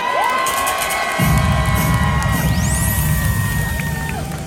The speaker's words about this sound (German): Macht einen Applaus für die Veranstaltung vom Buzz Festival, bitte.